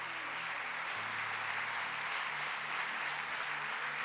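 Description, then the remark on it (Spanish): A church audience applauds God in a dense, steady wash of clapping that holds for about four seconds, with soft sustained low notes humming underneath and no one speaking. “Si va a aplaudir a Dios, dele con toda su fuerza, por favor.”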